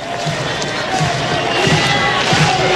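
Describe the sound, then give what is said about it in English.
A baseball crowd on the Plains cheers steadily in a dense, continuous roar, with regular low thumps about every second, like rhythmic stomping or clapping, as the noise builds slightly. “Crowd getting into it. This is a regional type atmosphere here on the Plains.”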